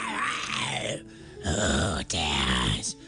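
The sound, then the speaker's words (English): A voice imitates a dragon snoring: three long, rough, rumbling snores with short pauses between them, loud, with no talking. “As soon as he began to snore, his wife snatched a golden feather from his wing.”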